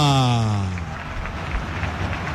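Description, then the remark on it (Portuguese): A football stadium crowd jeers after another attempt on goal goes wide, opening with a loud, drawn-out tone that slides downward before breaking into a steady, rough roar of many voices in the stands with faint rhythmic pulses. “Mais uma tentativa, a galera aplaudiu, mas deu pra ouvir aquela chiadeira nas arquibancadas”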